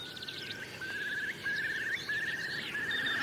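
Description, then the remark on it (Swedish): A common snipe calls in a steady, rapid series of repeated notes at a mid-high pitch on a cold morning of about 2–3°C, over large open fields crossed by a stream with forested hills around, while other birds chirp faintly higher up over a soft background hiss. “Där var enkelbeckasinen.”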